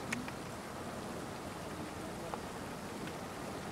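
light rain falling outdoors

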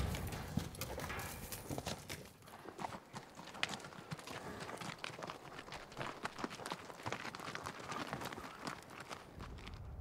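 horses galloping

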